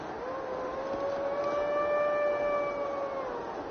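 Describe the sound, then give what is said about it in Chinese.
A red deer's call in the Greater Khingan (Da Hinggan Ling) forest of China, at dawn, from a single adult male high on the mountain: one long, steady, high whistling bugle with rich overtones, held for about three seconds over a soft background hiss, with no one talking. “鹿鸣， 而且就是在山上比较高处的地方很明显，但我看只有一头鹿在行动。”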